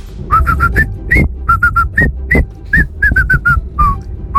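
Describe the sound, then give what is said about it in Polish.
Someone whistles the tune of La Cucaracha in a voice message sent on Messenger to RMF Max radio's morning contest: quick bursts of repeated short notes that rise to longer held tones, fairly loud over a low background rumble. “Że to w Meksyku. La Cucaracha! I najbardziej muzykalne gwizdki dzisiaj na Messengerze RMF Max z głosówkami”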